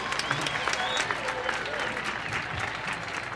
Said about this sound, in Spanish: Y por aquí se encuentra …. Un aplauso para ….